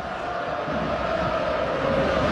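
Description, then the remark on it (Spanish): A stadium crowd in the stands of the Sánchez Pizjuán sings the Marcha Real, Spain's national anthem, thousands of voices merging into one dense, steady wall of sound with a sustained held note, loud and unbroken for the whole stretch. “Escuche nada más la marcha real en la tribuna del Sánchez Pizjuán.”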